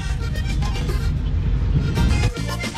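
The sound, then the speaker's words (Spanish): Dense street traffic in a jam in the streets of Neiva, where the traffic lights are broken, rumbles steadily, engines idling and revving, with brief car horn toots poking through the continuous roar. “Aquí Amarillito, por las calles de Neiva, le habla …. Mucho trancón.”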